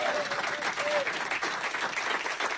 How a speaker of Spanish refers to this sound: Primero, gracias a ustedes, fuerte el aplauso por ustedes por haber venido.